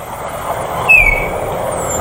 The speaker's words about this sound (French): Les étourneaux ? Ceux qui font tout le temps sur les voitures ? Quand il y en a beaucoup ? Et c'est la bonne réponse. C'est un étourneau, un petit oiseau.